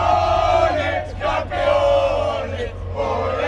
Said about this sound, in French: Les supporters qui vont sûrement avoir besoin de petits bonbons au miel, hein, Marie, pour continuer à crier tout à l'heure.